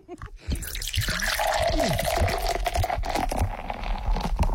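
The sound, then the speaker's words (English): Heineken beer from a can is poured steadily into a tilted glass, a continuous fizzy stream with small gurgles and glugs lasting about four seconds, with no one talking over it. “So you're tilting the glass? Yes, you have to tilt the glass.”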